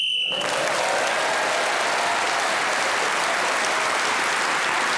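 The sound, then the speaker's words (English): A brief shrill whistle blast, blown to end a round, sounds at the start, immediately followed by loud, sustained applause from a crowd that continues steadily to the end. “So Paul Martin was then speaking of the whistle when gained that extra point for doing so.”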